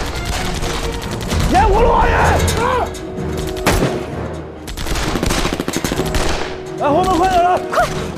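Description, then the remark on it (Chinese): Loud, sustained gunfire from Japanese troops fills the scene: rapid machine-gun bursts mixed with rifle volleys crackling almost without pause, while people shout over the din at a couple of points. “小鬼子的火力太猛了，我们得撤了。”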